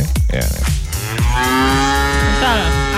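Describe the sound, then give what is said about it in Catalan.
Cows on a farm moo loudly, several drawn-out bellows overlapping one another in a continuous chorus, with no talking over them. “És un projecte que va néixer en una granja de 150 vaques al mig de les Guilleries.”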